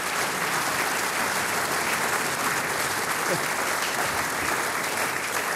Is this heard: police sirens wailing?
no